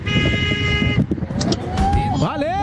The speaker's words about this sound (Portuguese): Valeu! Aquela buzinada gostosa, vai.